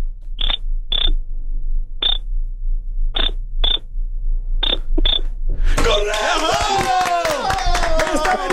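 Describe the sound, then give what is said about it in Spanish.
Seven short, high-pitched Morse code beeps tapped out in an uneven rhythm over a low hum, then a sudden loud wash of overlapping voices and clatter takes over. “Me dicen que necesitamos hacerlo en clave morse.”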